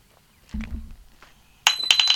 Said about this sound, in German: Was war das denn? Jetzt ist der Schlüssel aus der Tür rausgefallen. Einfach von selbst.